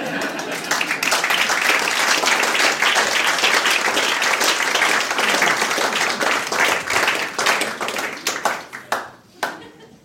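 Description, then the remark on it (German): A crowd bursts into sustained, dense applause that holds steady for several seconds, then thins out into a few scattered, separate claps before fading. “Wenn Sie nichts anderes zum Tun haben, können Sie an der Stelle mal klatschen.”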